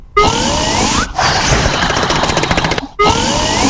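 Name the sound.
loud snoring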